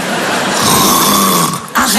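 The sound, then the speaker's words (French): A loud, rasping snore drawn out for nearly two seconds, probably a voice imitating it, cutting off briefly before a short fresh burst of noise. “Bah, tu ronfles un peu, chérie, ça m'étonnerait, je dormais pas.”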